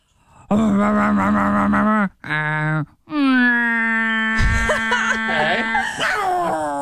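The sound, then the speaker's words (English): A voice imitates a garbage truck: loud, droning vocal groans in three bursts. The last is long and steady, with rough, hissing noises breaking in partway through. “Please sound like your best impression of what you think a garbage truck sounds like.”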